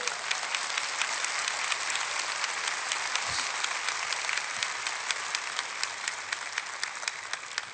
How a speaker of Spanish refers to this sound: Dale un fuerte aplauso a tu papá.